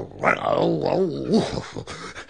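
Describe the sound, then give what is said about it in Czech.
A voice imitates a hunting dog's low grunting growl, rising and falling in a couple of rough bursts, followed by short breathy sniffs as it smells a fox, fairly loud for about two seconds. “Všech všudy já čichám a cítím lišku.”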